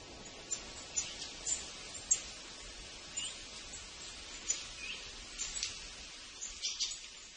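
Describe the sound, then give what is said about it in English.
A soft chorus of many birds chirping and singing at once, with overlapping high calls rising and falling continuously over a faint background hiss. No one speaks. “like an orchestra of bird songs.”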